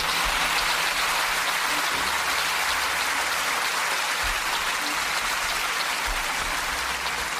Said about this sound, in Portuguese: Vou pedir um aplauso.